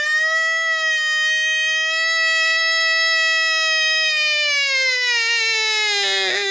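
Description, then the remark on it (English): A person imitates a siren, a Friday siren on the Town Sports 1140 radio show, with one long, loud wail that holds a high, steady pitch for several seconds before sliding downward at the end, with no other sounds. “I'm going to do my Friday siren.”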